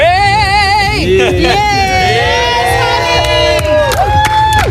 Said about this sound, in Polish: pojawiła się w centrum prasowym, gdzie została przywitana przez dziennikarzy gromkimi oklaskami.